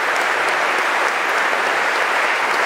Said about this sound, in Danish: Kæmpe bifald igen til Marc Mouillon og til Concerto Copenhagen under Lars Ulrik Mortensen.